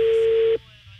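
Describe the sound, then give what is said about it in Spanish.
A steady telephone tone sounds through a phone line for about half a second, then cuts off, leaving faint line hiss: the ringback of an outgoing call, redialing the phone of a woman who sells medicines for dogs. “A ver, está sonando otra vez el teléfono de la señora que vende medicamentos para perros.”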